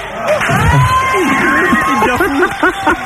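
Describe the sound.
An audience claps and cheers loudly and steadily, a dense wash of applause with whoops and shouted voices rising over it, including a bright whistle-like cheer.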